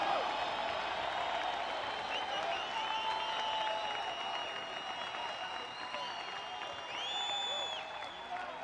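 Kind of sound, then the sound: crowd, audience applauding and cheering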